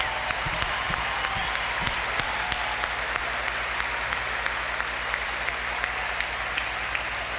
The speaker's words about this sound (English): And some of the directors and counselors are here tonight, so I'd love to give them a huge round of applause. Thank you. Thank you so much.